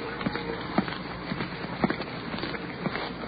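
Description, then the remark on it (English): Footsteps cross a street toward police officers in a steady walking rhythm, each step a short, fairly loud thud over a constant background hiss of slight rain and icy cold wind. “Now we're crossing the street.”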